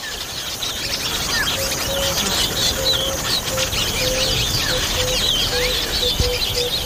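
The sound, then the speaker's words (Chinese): A busy chorus of African weaver birds chirping, with many short, high twittering calls overlapping steadily over a constant background hiss, no pauses and no voices. “非洲的知巢鸟几乎用上了所有招数，想尽办法呵护雏鸟。”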